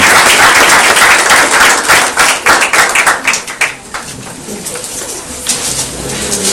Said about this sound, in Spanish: ¿Qué te parece si le damos un aplauso al Señor?